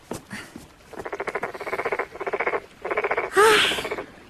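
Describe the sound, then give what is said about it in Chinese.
A toad croaks in four rapid, rattling trills separated by short pauses, followed at the end by a brief, higher-pitched chirping call. No one speaks. “蛤蟆大哥，难怪那王玉烦你呢，还真是有点闹人呢”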